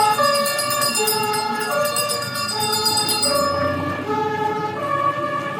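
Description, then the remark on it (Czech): The siren of a 1929 Praga (Pragovka) vintage fire engine from Trojí Sviny, with a 3824 cc, 40 hp engine and weighing about 2.5 tonnes, blares at a veteran vehicle rally, switching back and forth between two tones in a steady alternating pattern over a low engine rumble, loud and continuous throughout. “Pozornost milovníků veteránů získal i tento hasičský vůz.”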